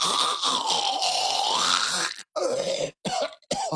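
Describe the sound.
Someone imitates loud snoring with one long raspy, rattling drawn-out snore, then a few shorter choppy snorts separated by brief silences.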